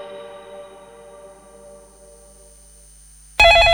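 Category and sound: signal or alarm, telephone ringing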